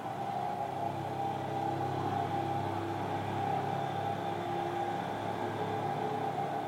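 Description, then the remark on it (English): A steady street drone of traffic noise holds at an even, moderate level throughout, with a low rumble and a faint tonal hum. No single vehicle stands out passing by, and no one speaks. “The street before the cars, after the cars, without the cars.”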